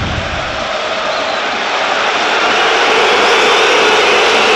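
An arena crowd in Kaunas boos player Berto during a Zalgiris vs Fenerbahce basketball game, a loud, sustained roar that swells slightly over several seconds, a dense wall of voices with no individual words standing out.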